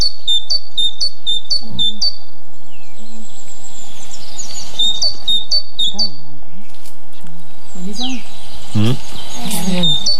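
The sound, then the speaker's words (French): A great tit sings its bright, repeated two-note phrase in quick rhythmic series in the Cévennes National Park, France, fairly clear over a quiet outdoor background, while low voices murmur underneath at times. “Et la maison charbonnière.”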